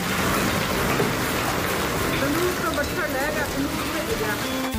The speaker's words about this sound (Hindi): दोपहर बाद मौसम बदला, आसमान में काले घने बादल छाए। शाम होते होते तेज हवाओं के साथ बारिश शुरू हुई, जमकर ओले भी गिरे।